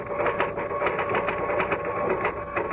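typing on a typewriter

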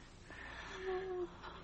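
faint labored breathing

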